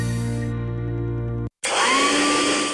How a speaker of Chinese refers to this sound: 每次吹完头发又毛又斑，真闹心。 老婆，这是你吹风机没选对，快试试我给你新买的戴森吹风机，这个牌子大家都说好用。